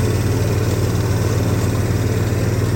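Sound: lawnmower engine running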